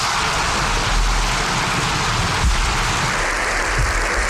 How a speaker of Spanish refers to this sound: Aplausos, sí. Bueno, he dicho para todos nosotros, pero en realidad no son los aplausos. Son aplausos que hemos recogido del Congreso de los Diputados